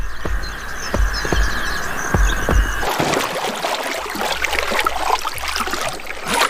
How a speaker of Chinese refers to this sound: 河马会发出各种声音交流，这种刺耳的咆哮十分响亮，几千米外都能听得到。